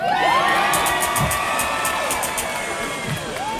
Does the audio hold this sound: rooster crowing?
no